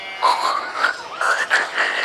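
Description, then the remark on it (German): A voice imitates a pig grunting, producing a run of about four or five nasal, croaky squeals and snorts in quick succession, fairly loud with no speech. “Das klingt jetzt aber eher nach Schwein.”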